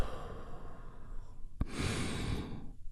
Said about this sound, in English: That's 5.5 minute touchstone for you today as we take one great big healing breath. All together, here we go. And release.